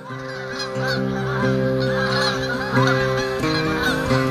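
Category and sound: bird, geese honking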